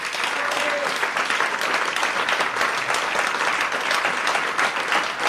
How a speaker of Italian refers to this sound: io vorrei veramente fare ancora un applauso a tutti i musicisti di questa sera,